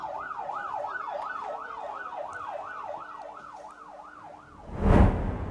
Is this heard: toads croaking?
no